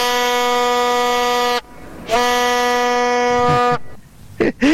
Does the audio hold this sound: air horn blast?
yes